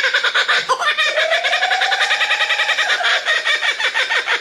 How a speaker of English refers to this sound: That feels like one of the sounds of Australia. Mm. What is this? This is the kookaburra, which I love.